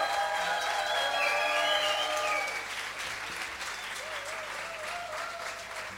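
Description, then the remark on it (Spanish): Steady audience applause for Andrea Bazán, a dense wash of clapping that holds loud for a couple of seconds, then eases slightly and continues, with faint tonal whistles or cheers mixed in. “Andrea Bazán, por favor, el aplauso.”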